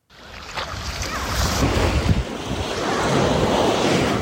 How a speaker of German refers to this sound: Wellen rollen an den Strand von Busnica.